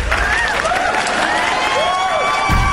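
An audience on the RPP show Sabelones claps steadily and loudly for about three seconds for two contestants leaving the game, a dense wash of applause with wavering whistles and cheers rising and falling over it.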